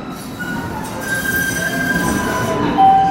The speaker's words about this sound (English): The next big train to Boston College is now boarding. I took the Green Line and got off at Harvard Ave in Allston.